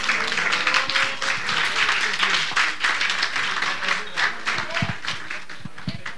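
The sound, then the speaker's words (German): An audience claps in sustained applause for the music just performed on stage, a dense, steady wash of many hands for several seconds with a few faint voices mixed in. “Gibt es nochmal einen großen Applaus für die Musik?”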